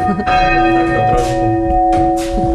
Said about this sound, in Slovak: No a týmto sa dá zvoniť. Zvony nad krajinou Spišského Horhova.